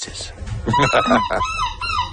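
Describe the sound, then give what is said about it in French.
At a seagull-cry imitation contest in La Panne, Belgium, judged by a jury, a person imitates a seagull's cry with their voice: loud, strained, wavering calls that rise and fall in pitch, without other talk. “Le jury doit évaluer la justesse de l'imitation du cri et je vous propose d'écouter quelques artistes à l'œuvre.”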